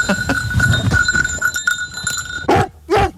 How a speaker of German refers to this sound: der hat echt ein lautes Organ. Also wenn die Hunde dann da direkt neben einem stehen, die sind super laut. Aber gut so.